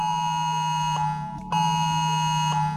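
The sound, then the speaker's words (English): A harsh, steady electronic emergency alert tone for phones in Australia, a 3-second sample of the national alert, drones continuously at high volume, a dense buzzing blend of pitches with faint periodic pulses, with no voices. “This is 3 seconds of what the Oz alert sound is going to be next Monday.”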